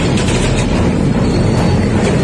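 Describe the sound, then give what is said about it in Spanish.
A massed roar of dozens of motorcycle engines riding together in Punta Carretas, at Parque Rodó, a dense, steady rumble with a gritty low drone that stays loud and unbroken throughout, with no voices. “Decenas de motos juntas.”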